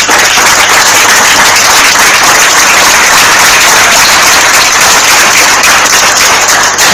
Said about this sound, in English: A round of applause.